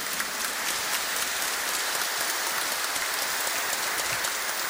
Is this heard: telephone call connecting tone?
no